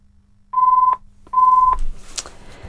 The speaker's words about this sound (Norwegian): Da var det en telefon. Skal vi se. Da må jeg få et kontrollnummer.